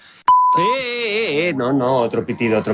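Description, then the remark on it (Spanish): A short, steady censor bleep sounds once, loud and clean for about half a second, right before a voice launches into animated, sing-song speech that carries on to the end. “No, otro pitido.”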